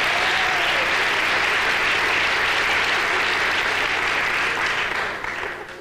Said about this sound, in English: How many non-smokers are here tonight? Non-smokers. By round of applause, let's hear non-smokers.